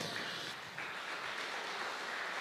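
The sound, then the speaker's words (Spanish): An audience applauds steadily, a dense wash of many hands clapping at an even level with no voices breaking through. “Démosle ese fuerte aplauso.”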